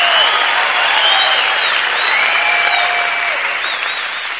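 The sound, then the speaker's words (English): Sustained audience applause for Joey Diaz, a dense wash of clapping at steady loudness with a few whoops rising above it, tapering slightly toward the end. “Big applause for Joey Diaz!”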